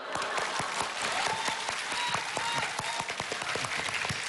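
Sustained audience applause for two performers on a stage fills the whole stretch, a dense steady patter of many hands clapping at once, loud with no voices standing out.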